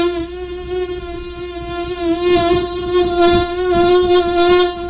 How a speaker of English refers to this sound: Awful, right? And it always seems if there is a mosquito in your room that it doesn't go near your ankles or legs, you're covered up, right? If your arms are out, it doesn't even seem to go to your arms. It just immediately goes to your ear